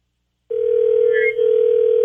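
After a moment of silence, a steady, loud telephone dial tone hums over a narrow phone line, with a brief flicker partway through, as radio station 102.5 KDON places a call to a listener.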